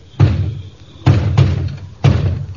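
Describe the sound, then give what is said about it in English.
Heavy, booming knocks on a door, four in all in an uneven pattern: one, a quick pair, then one more, each thudding loudly and ringing briefly with no voices. “I will open the door for no one else.”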